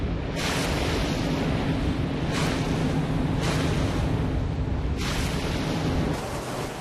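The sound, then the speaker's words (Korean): A steady, loud roar of an engine and rushing water fills the scene, with periodic bursts of spray or wave slaps hitting about every second or so, as a fishing boat speeds across choppy sea, heading back toward Moseulpo. “빠르게 바닷길을 달려가는데요.”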